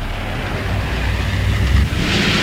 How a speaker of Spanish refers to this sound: Pasadas las 4, aparecieron un par de camiones de 2 cuerpos levantando el polvo en el horizonte.